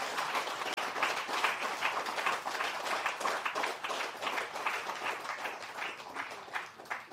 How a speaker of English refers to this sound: Today, I ask you to correct that injustice and ingratitude by giving a huge round of applause to our men and women in Uganda.